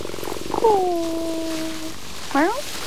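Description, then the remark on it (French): A cat under a blossoming cherry tree in Japan purrs softly at first, then lets out a long drawn-out meow followed by a shorter, rising chirp-like meow a moment later. “Un chat sous le cerisier en fleurs.”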